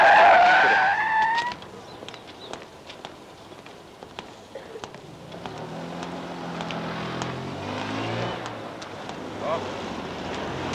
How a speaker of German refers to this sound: Ich bin schon ganz verzweifelt. Die vielen Autos.